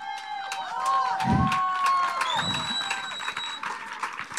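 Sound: audience applause and cheering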